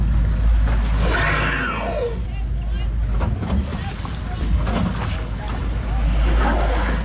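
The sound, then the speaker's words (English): A boat engine drones steadily at sea near Batemans Bay during the untangling of a humpback whale by the New South Wales National Parks and Wildlife Service with Marine Rescue and Orca. Its low rumble mixes with gusting wind and splashing water, while indistinct voices rise and fall faintly underneath. “Now, did you catch the videos of an incredible effort untangling a humpback whale near Batemans Bay over the weekend? Here's a bit of what that sounded like.”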